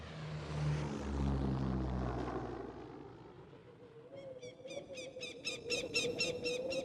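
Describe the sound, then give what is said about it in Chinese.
A propeller airplane drones steadily overhead, its low engine hum loud and continuous, while a rapid series of high, squeaky chirps joins in during the final few seconds. “刘浩很顺利地坐飞机来到了张家口。”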